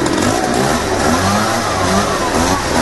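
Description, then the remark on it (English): A leaf blower engine, run by a one-man landscaping crew, roars steadily for a few seconds, a loud, dense mechanical drone with a wavering mid-pitched whine and no voices over it. “It was actually a leaf blower.”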